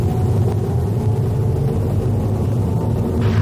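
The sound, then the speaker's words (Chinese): Steady low rumble of a car driving west to east on Yunhe East Street in city traffic, heard from inside the vehicle, at the tail of a queue of cars with a green traffic light ahead, with a constant engine and road drone and a slight hiss rising near the end. “目前我们是由西向东行驶在运河东大街上。”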